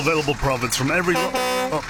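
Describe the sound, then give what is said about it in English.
A car horn honks loudly in a few uneven bursts, ending with a longer steady blast. A voice-like tone mixes in with the honking. “Stop beeping, I'm making an ad.”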